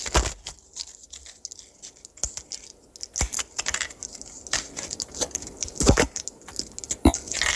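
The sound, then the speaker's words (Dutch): Medication pills being laid out: an irregular run of small hard clicks and rattles as pills drop and tap into place, with brief pauses between bursts and no talking. “Ik, die bezig ben mijn medicatie uit te zetten.”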